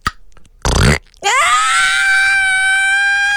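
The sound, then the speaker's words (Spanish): A voice imitates the pained yell let out when a foot slipped on dirt while trying to hold up a tipping motorcycle: a short rough grunt, then a loud, sustained high-pitched scream that rises sharply and holds steady for about two seconds. “Ese fue el grito que eché, pero no lo podía alcanzar.”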